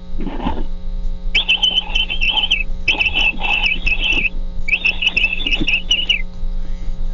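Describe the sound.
A person imitates a capybara call: four bursts of high, squeaky chattering chirps, each lasting about a second, with short gaps between, over a steady low hum.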